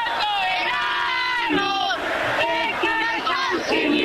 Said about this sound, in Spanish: Pero a ver, un poquito más de grito, a ver, para que la gente escuche el país.